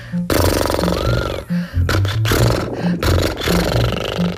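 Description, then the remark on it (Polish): A voice imitates a horse with a loud, sustained lip-trill buzz that sounds like a revving motorbike, done as an exercise to warm up the lips, running for several seconds with a few short breaks and a wavering pitch. “A teraz drugi rodzaj naśladowania konika, czyli robienie tak.”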